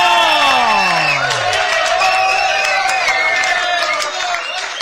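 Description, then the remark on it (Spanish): A crowd at a tournament event in Nubes A claps steadily and cheers loudly to welcome the vereda Brisas del Salto, with high whoops and shouting voices rising and sliding over dense, continuous applause that holds strong for about five seconds before easing slightly. “Brisas del Salto, fuerte el aplauso para Brisas del Salto.”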